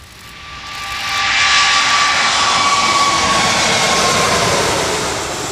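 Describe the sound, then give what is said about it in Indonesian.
An Emirates Airbus A380 arriving, its jet engines roaring, swelling over the first second and then holding a loud, steady rumble with a thin whine riding on top. No one speaks. “Meski berlangsung singkat, kedatangan pesawat A380 milik Emirates menjadi momen langka bagi dunia pecinta penerbangan.”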